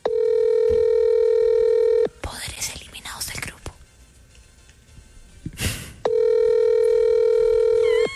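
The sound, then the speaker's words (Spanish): A telephone ringing tone as a call is dialed: a steady, buzzy tone for about two seconds gives way to soft whispering and a sharp breath, then the same tone resumes loudly until the end. “Este sí no, se escucha no, cuando marca.”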